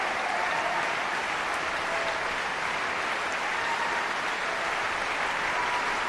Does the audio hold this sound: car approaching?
no